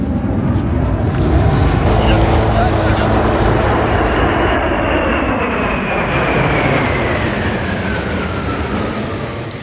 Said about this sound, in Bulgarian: Кулминацията на ритуала е прилитането на бойните ни самолети – Су-25, Миг-29 и F-16.